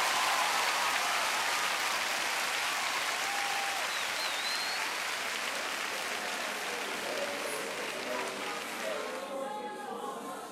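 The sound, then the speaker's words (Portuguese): A church audience applauds the Lord steadily, a dense, even roar of clapping lasting about nine seconds before thinning out at the end, with a few faint voices and whistles mixed in. “Aplauda mais forte o Senhor se você crê mesmo, querido.”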